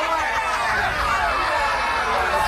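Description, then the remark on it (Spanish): An audience boos in a dense, continuous wash of many voices, holding steady and fairly loud for a couple of seconds with no pauses or single voice standing out. “¿Por qué los abucheos?”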